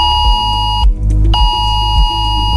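A loud, harsh electronic mobile phone emergency alert tone blares continuously, pulsing in a steady repeating pattern with a brief break near the start; a test warning on Germany's nationwide warning day, triggered by the Federal Office of Civil Protection, sounding on many phones between Chiemsee and Königssee.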